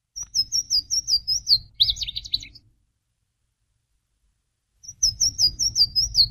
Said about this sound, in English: And spring migration to me means warblers. And one of the first warblers that comes back is the Louisiana water thrush.